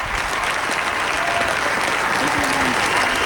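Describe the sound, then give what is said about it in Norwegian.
Thousands of people gathered at Slottsplassen in front of the Royal Palace in Oslo applaud and cheer without a break as Queen Sonja appears on the balcony, dense clapping roaring steadily at high volume, with scattered voices and shouts rising through the noise. “Det gjorde hun til stor jubel fra folket.”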